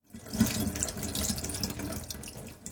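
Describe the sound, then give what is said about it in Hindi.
Tap water runs steadily into a sink, a broad hissing splash with irregular sloshes and clatters as a gutted fish is rinsed inside and out under the stream to remove blood clots and leftover innards. No one speaks. “फिर हाथ से मछली की अंतड़ियां निकालकर मछली को अंदर और बाहर से अच्छी तरह धो लीजिए ताकि खून के थक्के और बची हुई अंतड़ियां ठीक से निकल जाएं।”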